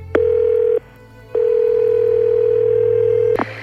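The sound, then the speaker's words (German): A steady, mid-pitched telephone dial tone hums as a phone call is placed, in two stretches: a short burst, a brief pause, then a longer run. Soft clicks come at the start and end. No one speaks. “Rufen wir doch mal an.”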